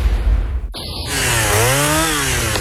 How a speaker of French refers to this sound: Tronçonneuse.